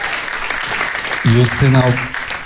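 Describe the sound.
Steady audience applause at a concert, for the performer's biggest fan, a dense crackle of clapping that lasts throughout, with a voice calling out loudly over it in the second half.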